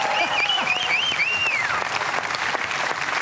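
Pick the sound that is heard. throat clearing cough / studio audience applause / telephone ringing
studio audience applause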